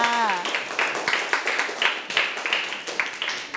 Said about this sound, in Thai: เยี่ยมมากปรบมือให้เพื่อนค่ะ